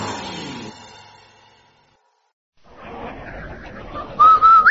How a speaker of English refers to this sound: Hey, Andy, did you hear that man whistle? Sure did, Amos. That whistle means rinse so white, rinse so bright, rinse so new.